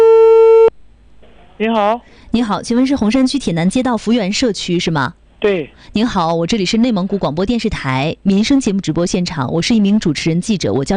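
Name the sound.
telephone busy tone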